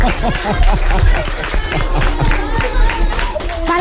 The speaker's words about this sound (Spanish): Vamos a dar un aplauso. Ha estado muy bien el chiste.